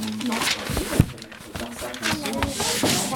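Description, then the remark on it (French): Adhesive tape being pulled and handled, giving a run of scratchy, crackling rips and short sharp bursts, with voices murmuring underneath throughout. “Mais c'est trop bien ce scotch qui fait du bruit.”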